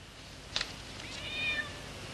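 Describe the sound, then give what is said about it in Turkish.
A cat meows softly with a thin, high-pitched cry, followed a moment later by a brief click and a second drawn-out meow. The cries sound faint, with no talking. “Yalnızlığımı da bu kedilerle paylaşıyorum.”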